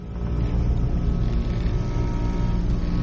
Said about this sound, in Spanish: Estaba tan desconcertado que intenté encender el auto, olvidando la falla. Lo recordé en el mismo momento en que el motor arrancó.